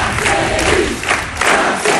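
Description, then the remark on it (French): A dense crowd at a Jean-Luc Mélenchon political rally, which organisers put at 10,000 activists, roars and chants together, a loud, continuous wash of many voices with swelling shouts and no individual speaker standing out. “Le tribun, écouté par une foule très dense, impossible à vérifier, mais l'organisation parle de 10 000 militants présents.”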